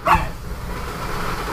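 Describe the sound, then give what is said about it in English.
A dog, Gizzy, lets out one short, sharp bark right at the start, then only a low, steady background hum remains with no talking. “I think the dogs are trying to give us a weather alert, too.”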